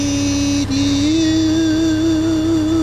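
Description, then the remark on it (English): A lawnmower engine at the Hawaii Prince Golf Club runs steadily with a loud, buzzing drone, its pitch briefly dipping once early on before holding a slightly wavering hum to the end. “That was actually a lawnmower.”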